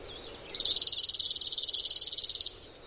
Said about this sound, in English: That's a chipping sparrow. Not that easy, right?